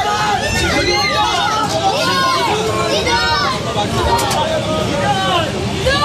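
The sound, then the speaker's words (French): A crowd of about a hundred onlookers gathered outdoors in front of a hotel in İzmit, Turkey, as the France national team's bus arrives around 5 pm, many overlapping voices chattering and calling out at once, loud, forming a steady, dense hubbub throughout. “Oui, il est 17h hier quand le bus de l'équipe de France fait son arrivée à son hôtel d'İzmit devant une centaine de curieux.”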